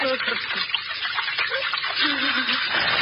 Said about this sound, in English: Here we are. The water runs quite strong in here, doesn't it? The largest sewer of them all.